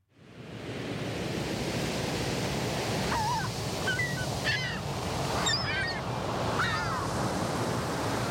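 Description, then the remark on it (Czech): A steady roar of ocean surf washing on the shore fills the whole recording, with several short honking bird calls breaking through over it in the second half. “Běhají po břehu oceánu, šplhají po skalách, strkají se a prostě si užívají.”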